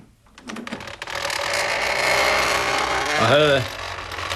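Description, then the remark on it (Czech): A door handle clicks down and the unlocked door swings open with a rattling, mechanical creak, while a voice briefly speaks over it. “Vemte za kliku.”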